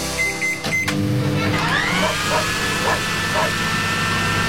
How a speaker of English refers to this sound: Oh, the breaker failed again. That's the third time this morning. I wasn't even done drying my hair.